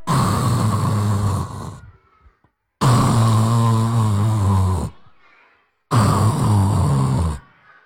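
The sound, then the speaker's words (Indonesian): A voice imitates loud snoring in three long, rasping inhales, each about one and a half seconds, separated by short pauses with faint breathy exhales. “Tidurnya ngorok.”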